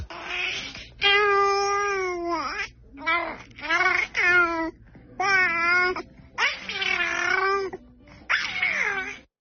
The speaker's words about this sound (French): Après, c'est un bébé qui babille, un bébé de 3 mois.